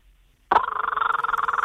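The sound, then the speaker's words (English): A voice imitates the call of a kookaburra, an Australian bird: after a brief silence, a loud, rapid chattering burst of pulsed, mid-to-high cackling notes runs steadily to the end. “Now, I know you can also do the kookaburra, another Australian bird, so let's have that one.”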